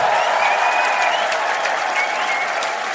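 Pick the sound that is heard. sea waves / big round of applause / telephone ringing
big round of applause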